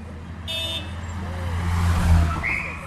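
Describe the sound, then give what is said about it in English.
A convoy of three identical black Mercedes limousines, carrying Augusto Pinochet around Santiago, Chile, in the mid-1990s, drives past. A deep engine rumble swells to a peak and then eases off, with faint street traffic and a brief high tone in the background. “Three identical black Mercedes limousines closely followed each other, carrying and concealing Chile's former tyrant, Augusto Pinochet Ugarte.”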